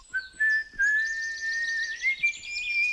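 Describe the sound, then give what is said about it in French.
A man whistles a slow tune alone as he walks away into rising fog, one clear sustained tone that glides gradually upward over a few seconds, moderately loud, with a faint airy hiss around it. “Puis il s'en alla en sifflant dans le brouillard qui se levait.”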